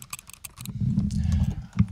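Crisp clicks of a computer keyboard being typed on in quick bursts, with a dull low thumping underneath for most of the stretch and no talking.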